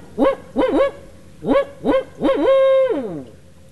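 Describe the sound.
A birder imitates a barred owl's hooting call: a rhythmic series of five loud hoots, grouped two then three, ending in a long drawn-out descending hoot, with no other sounds.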